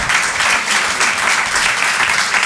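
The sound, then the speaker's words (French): Steady, loud applause from a live audience on Rire et Chansons for comedian La Bajon and Vincent Leroy: a dense crackle of many hands clapping continuously without pause, with no voices standing out. “On peut les applaudir très fort.”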